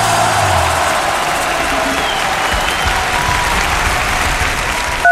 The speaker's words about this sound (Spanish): Y los aplausos.